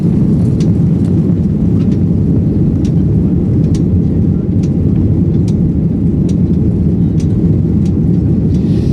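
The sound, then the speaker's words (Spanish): A steady, loud roar from an Iberia airplane on its way to Montevideo fills the whole stretch, a dense low rumble like cabin noise in flight, with faint scattered clicks above it and no voices. “Pero antes vais a dejar que me suba de nuevo un avión de Iberia.”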